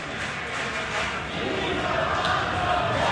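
A huge baseball stadium crowd at Citi Field roars and screams Pete Alonso's name as he steps up to the plate in the top of the ninth inning, a dense, loud wall of cheering voices that swells slightly toward the end, with no single voice standing out.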